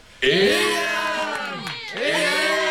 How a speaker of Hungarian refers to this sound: A többiek éjjent kiáltoznak nekik, és nagy örömmel fölemelvén kiviszik őket.